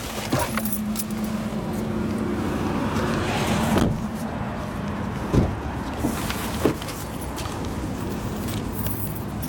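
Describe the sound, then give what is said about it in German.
People shift about in a car and climb out: a steady engine or road hum runs throughout, broken by a few sharp clicks and knocks, a jingle of keys, and a door thud. “Mir ist zu heiß im Auto, ich habe Hunger. Ja, wir können aussteigen.”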